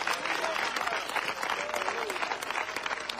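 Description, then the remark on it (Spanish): An audience applauds in praise of Christ of glory, dense and sustained, with many hands clapping steadily for the full stretch while a few voices call out faintly beneath the noise. “Del fuerte ese aplauso al Cristo de la gloria.”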